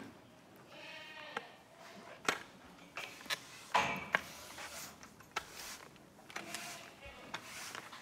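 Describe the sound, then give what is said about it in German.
Goats bleating in a barn at the Ziegenhof Rösebach goat farm in Thuringia, Germany, as they are brought out of the stall: several wavering, nasal calls rise and fall over a steady rustling background, with sharp clicks and knocks scattered between them. “Wir bringen jetzt erstmal die Ziegen raus, damit wir Platz im Stall haben, um unsere Trockensteher reinzuholen.”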